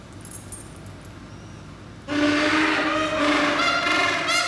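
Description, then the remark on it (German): After a couple of seconds of quiet background, a bunch of keys starts jangling, a bright, continuous metallic clatter that stays loud until the end. “Also Schlüssel lieben sie. Über alles. Die klappern so schön, gell?”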